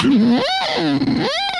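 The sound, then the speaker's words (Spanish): A voice imitates a wailing siren as the sound of a lighthouse, its pitch sliding up and down in two swooping cycles, loud and steady with no other sounds. “Vienes a encenderlo, pero con el sonido del faro.”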